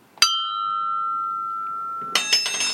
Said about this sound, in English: So, the ringing mugs. That's not a euphemism, by the way. The ringing mugs have been played for one last day.